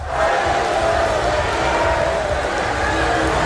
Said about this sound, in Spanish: Los asistentes han respondido con abucheos y rápidamente los servicios de seguridad han sacado a las manifestantes.